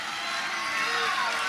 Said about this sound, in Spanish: No, mire los aplausos, escuchen los aplausos, escuchen la gente.